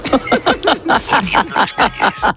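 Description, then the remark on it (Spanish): A 'gallo quirico' rooster-crow alarm clock tone sounds: about ten quick, loud, harmonic squawking bursts in a steady rapid rhythm, with bending pitch and no talking over it. “Pues tengo el gallo quirico ese.”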